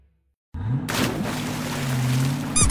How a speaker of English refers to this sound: Hear that? Around here, when you hear the squeak, you know you found the best deal.